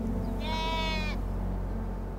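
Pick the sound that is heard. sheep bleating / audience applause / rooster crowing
sheep bleating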